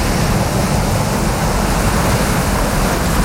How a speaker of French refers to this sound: quand vous entendez la plage, la mer, les vagues, on va où ? Madagascar.